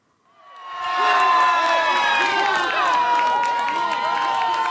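A crowd of fans in Urca, a neighbourhood below Sugarloaf Mountain in Rio de Janeiro, erupts in loud, sustained cheering and screaming for the 1:0 goal against Haiti in a World Cup match, the roar swelling up within a second and holding steady, with many overlapping excited shouts.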